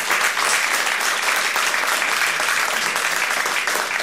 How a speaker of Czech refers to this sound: Takže aplaus pro Český rozhlas.